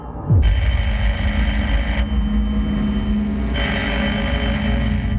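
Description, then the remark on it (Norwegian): An old telephone's bell rings loudly in a continuous metallic clatter, briefly softening midway before ringing on at full force, with no voices; the telephone ringing at Karistua in Lysaker around 6 a.m. on Monday 8 April 1940, waking Koot. “Ved 6-tiden om morgenen, mandag 8. april, våknet Koot til at telefonen ringte i Karistua på Lysaker.”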